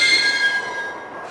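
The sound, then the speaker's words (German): A heavy iron door in a side passage, unlocked and held only by three unusually strong bolts, creaks open with a loud, drawn-out metallic squeal, steady, easing off slightly near the end. “Ich öffnete die Tür.”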